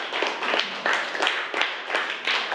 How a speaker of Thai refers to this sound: กลุ่มนี้ก็ถือว่าสามัคคีกันดีมากเลยนะคะปรบมือให้เพื่อนกลุ่ม2ด้วยนะคะ